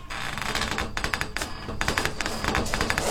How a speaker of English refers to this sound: Okay, now, out with the light. Close the door.